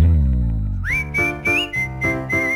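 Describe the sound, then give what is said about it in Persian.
A clear whistled melody from a song recording, played for a radio quiz in which listeners guess the singer and the track, enters after a low, sustained opening, carrying a steady high tune over rhythmic accompaniment with regular beat-like pulses. No one speaks. “گذاشتیم یه دو تا سوت بیشتری هم بشنویم.”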